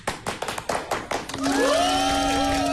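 A short burst of audience applause, about ten sharp claps in loose rhythm over a second or so, fading as a sustained reedy harmonica tone begins and holds, the harmonica playing the intro of a song.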